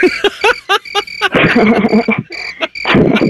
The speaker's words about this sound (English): We played the crickets for you, bro. It's late.